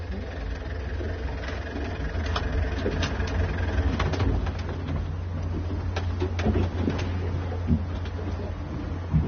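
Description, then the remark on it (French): A boat engine idles with a steady, low droning rumble that runs unbroken through the whole stretch, fairly loud, with scattered light clicks and knocks on top. “Vous voulez qu'on souffle le moteur, là?”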